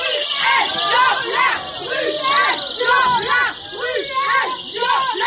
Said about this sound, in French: c'est par ses cris que des militantes du collectif féministe Nous Toutes se sont invitées hier soir au théâtre Édouard VII à Paris, où avait lieu une représentation de la pièce Deuxième Partie dans laquelle joue Patrick Bruel.